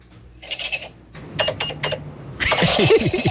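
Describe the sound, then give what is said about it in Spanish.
A cash register sound effect, used on a radio show as the 'little machine' counting votes, gives quick rattling mechanical clacks, then a few sharp key clicks, ending in a louder burst of jangling metallic noise. No one speaks. “Está contando, está contando. Plata.”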